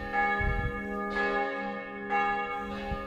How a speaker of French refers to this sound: Mais demain, c'est la résurrection. Là-bas, à Saint-Hilaire, toutes les cloches à pleine volée annoncent la fête de Pâques.